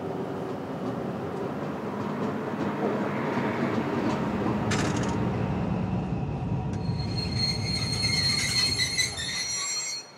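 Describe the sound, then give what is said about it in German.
A train heading toward Wilhelmshaven rumbles steadily along the rails through a station with a dense low roar, then its wheels break into loud, high metallic squealing toward the end before the sound cuts off. No one speaks. “darf erstmal aus diesem Gleis herausfahren, bis ich auf irgendwas Haltzeigendes stoße. Jetzt fahren wir erstmal durch den ganzen Bahnhof durch bis zum Ende.”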